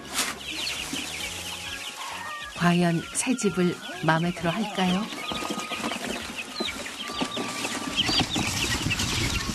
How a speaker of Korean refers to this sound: 넓은 공간에 병아리들도 신나 보이는데요. 무럭무럭 잘 커주라. 활발하게 막 에너지가 넘치게 막 다니는 거 보면 기를 많이 받는다고 할까요?